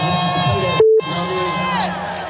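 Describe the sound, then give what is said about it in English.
A large concert crowd cheers and shouts in a steady, dense roar during a J. Cole set, briefly cut by a short electronic bleep tone before the noise resumes. “And as it started playing, I just remember y'all made some noise”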